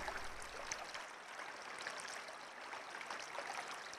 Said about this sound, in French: Mais le chant de la rivière ne s'arrête jamais. Il est si fort qu'aucun d'eux ne parvient à s'endormir.